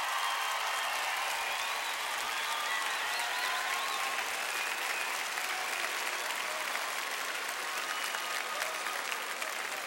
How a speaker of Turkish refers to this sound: Ve kadınlar milli voleybol takımına bir alkış gönderelim.